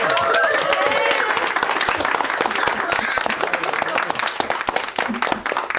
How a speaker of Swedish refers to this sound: Kan ni ta en full applåd?